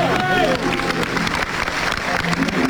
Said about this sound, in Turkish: Şu anda bu ezgi salonda yankılandığında tüm salon bir anda ayağa kalkıp alkışlamaya başladı.